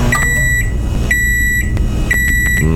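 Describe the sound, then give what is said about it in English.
A microwave oven's finishing signal: three steady, high-pitched beeps, each about half a second long and evenly spaced, sounding over a constant low hum. No one speaks. “I see a lot of people saying it sounds like lunch is heated up and ready to go.”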